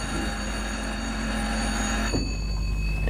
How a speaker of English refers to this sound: The boy pressed a key. At the far end of the adjoining room, a bell rang.